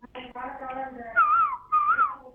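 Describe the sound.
A person whistles an imitation of a koel's call: two short, wavering phrases that rise and fall in pitch, following a brief stretch of voiced sound.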